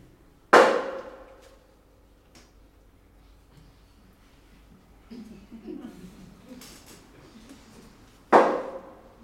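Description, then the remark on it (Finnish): Two loud, sharp knocks answer a séance question about whether a woman will marry; by the agreed code three knocks mean yes and two mean no. They come about eight seconds apart and each rings out briefly, with only a faint low murmur in the quiet gap between them. “Myötävä vastaus, kolme lyöntiä, kieltävä kaksi.”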